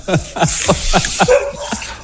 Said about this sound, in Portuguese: Mas não é o Scooby-Doo, né, que tá participando? Não, esse não é, é o cachorro